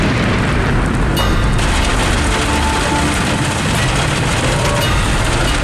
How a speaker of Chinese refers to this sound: 今天这个雨有点太大了，估计这个还打雷，这样的话上山如果往山梁上爬就有点危险了。